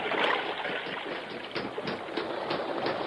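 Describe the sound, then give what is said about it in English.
Steady rushing water of an underground river in a cave flows continuously, a broad, dense wash with small splashes and gurgles throughout, loud, with no voices. “He's in the underground river.”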